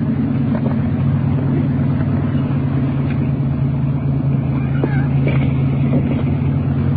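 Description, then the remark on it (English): A car engine hums steadily, a continuous low drone that holds level throughout as the car is moved slowly out of the middle of the street and pulled up against the curb, with faint scattered noises on top. “Why don't you pull it up against the curb and get out of the middle of the street? Getting the car off the street.”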